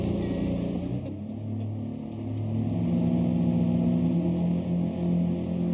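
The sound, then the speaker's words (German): The engine of a small boat, the Birkholm Posten carrying passengers, rubbish and mail between Marstal on Ærø and Birkholm, drones steadily, a low harmonic hum that shifts pitch slightly and grows a little louder partway through, with a faint wash underneath and no voices. “bevor er vor 2 Jahren dieses kleine Boot kaufte.”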